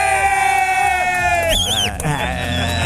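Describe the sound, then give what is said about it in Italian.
A loud, lively burst of cheering with shrill whistles rising and falling over a noisy background of clapping and excited voices, lasting a few seconds, all made by one person alone during the broadcast show Pazzi di rugby. “Applaude, lui batte le mani, fischia, fa qualsiasi cosa.”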